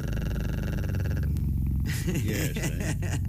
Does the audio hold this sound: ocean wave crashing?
no